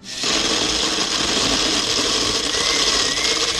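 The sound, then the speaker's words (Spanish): A blender starts abruptly and runs at a steady, loud whir with a bright, grinding motor hum that holds constant for several seconds, with no voices. “A ver, prende la licuadora.”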